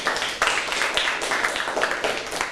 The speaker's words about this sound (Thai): ขอปรบมือให้เพื่อนๆหน่อยครับ